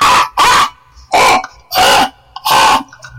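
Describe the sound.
A person imitates a crow's caw: five harsh, raspy bursts delivered loud in a steady rhythm, each about a third of a second, with short silences between.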